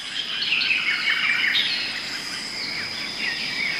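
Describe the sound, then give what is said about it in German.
A dense chorus of South American rainforest birds, with many overlapping high chirps, whistles and trills and a steady insect-like hiss beneath, continuous and fairly loud throughout. No one speaks. “Der Regenwald in Südamerika.”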